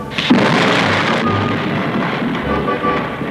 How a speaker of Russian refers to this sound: Попросите вашего Бога прекратить этот ужасающее громыхание и град